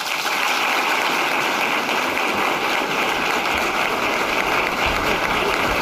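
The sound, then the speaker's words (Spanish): Steady, dense audience applause for Infanta Sofía after her first official speech at an institutional event, a continuous wash of many hands clapping at an even, fairly loud level with no voices standing out. “Los aplausos a la infanta Sofía, que acaba de pronunciar sus primeras palabras en un acto institucional a sus 19 años, en el que ha sido su primer discurso oficial ante un auditorio”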